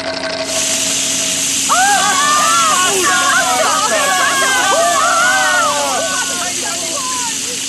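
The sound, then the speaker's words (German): A loud, steady rush of gushing water as a huge water fountain shoots up and keeps spraying, while a crowd of excited voices cheers and shouts over it. “Eine riesige Wasserfontäne schießt in die Höhe.”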